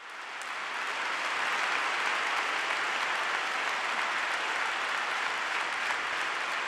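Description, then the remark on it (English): Sustained applause from a large crowd welcoming the words "Always love the church" during an address, a dense wash of clapping that swells in over the first second and then holds steady and loud throughout, with no voices standing out. “Always love the church, which is being welcomed by a lot of applause.”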